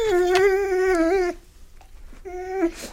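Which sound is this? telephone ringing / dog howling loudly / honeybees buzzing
dog howling loudly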